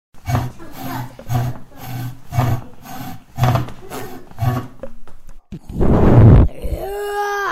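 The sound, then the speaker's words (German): A spaceship sound effect: a steady run of rhythmic, throbbing pulses, then a loud roaring whoosh that gives way to a wavering, sliding electronic hum. “Das war ein Raumschiff.”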